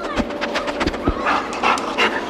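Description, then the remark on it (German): A sniffer dog, the kind that finds people in avalanches or helps police search for traces, sniffing excitedly, with rapid, breathy snuffles and short panting bursts in quick irregular succession, fairly loud and alone with no voices. “Da schnüffelt jemand ganz aufgeregt. Jemand, der Menschen in Lawinen finden kann oder der Polizei bei der Spurensuche hilft. Ah, ein Spürhund.”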